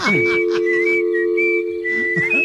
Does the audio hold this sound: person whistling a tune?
yes